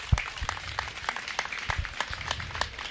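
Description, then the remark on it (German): An audience applauds three people with dense, steady clapping, many hands producing a continuous crackle of sharp claps at moderate volume, with no voices over it. “Deswegen bitte mal einen Applaus für diese drei Menschen.”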